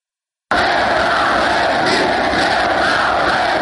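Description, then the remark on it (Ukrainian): Thousands of protesters with blue-yellow flags rally in front of the Verkhovna Rada on the morning of 24 August 1991, demanding the government's resignation, a ban on the Communist Party and independence; the crowd roars and shouts in a dense, steady wall of voices, loud and continuous after a brief silent moment at the beginning. “Перед Верховною Радою збираються тисячі мітингувальників із синьо-жовтими прапорами.”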